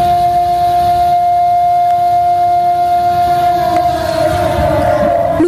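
A steady air-raid siren sounds at 9:18 a.m. through city streets for the September 18 commemoration, holding a sustained tone while drivers of cars stopped on the main roads blare their horns continuously alongside it, layered over a low rumble of street noise that swells slightly toward the end.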